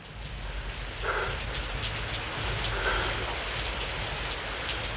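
Steady rain pours down in a dense, continuous hiss of drops, moderately loud and even throughout, with a faint low rumble underneath and no voices.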